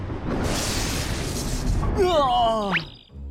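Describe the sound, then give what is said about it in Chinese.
A cartoon lightning spell effect: a loud, crackling noise burst lasting about two seconds, then a wobbling, voice-like warble with a sharp rising whistle before it cuts off. “闪电魔法，咕噜咕噜变。”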